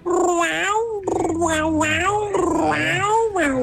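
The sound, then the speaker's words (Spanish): A person imitates a cat as a hidden talent, with several drawn-out, wavering meows in quick succession, loud, the voice sliding up and down like a yowling cat. “Mi talento oculto es hacer como gata. ¡Miau, miau!”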